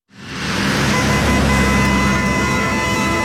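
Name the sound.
road traffic noise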